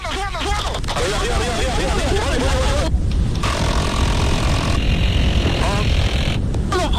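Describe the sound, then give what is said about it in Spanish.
A police helicopter in flight during a shootout with criminals, who hit it several times with gunfire; its loud, steady rotor and engine roar fills the whole recording, with voices talking over the noise. “Durante el enfrentamiento, que duró casi 3 horas, los delincuentes impactaron en varias oportunidades un helicóptero de la policía al mando de una capitán de la institución.”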